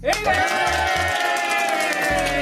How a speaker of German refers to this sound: Tag der offenen Tür im Bayerischen Rundfunk. Das heißt auch Tag der offenen Tür hier in Bayern 3. Und ja, hier sind viele Leute gerade. Hier hört ihr sie.